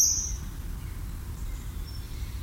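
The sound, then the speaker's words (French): A common kingfisher flying past gives a shrill, piercing call briefly at the very start, followed by a faint thin whistle later, over a steady low outdoor rumble. “Et puis évidemment, un oiseau qui est omniprésent, c'est le martin pêcheur qu'on voit passer régulièrement devant nous en poussant son cri strident.”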